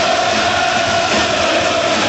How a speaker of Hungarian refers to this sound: Most direkt nem szólaltam meg, hogy halljuk a közönséget.